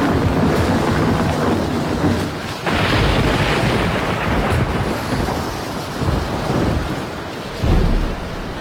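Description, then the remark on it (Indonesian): Loud, continuous rush of the churning Mahakam River during a thunderstorm, with a deep stormy rumble and gusty wind noise, swelling in a few heavy surges throughout; no one speaks. “Air sungai Mahakam bergejolak.”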